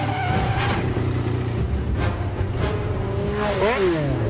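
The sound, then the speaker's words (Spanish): A loud, busy movie car chase scene in which lots of cars are wrecked: engines roar and rev continuously, tires squeal in rising and falling sweeps near the end, and sharp bursts of cars smashing, with no talking. “Esta es una escena de persecución en donde destrozan un montón de coches y ya está.”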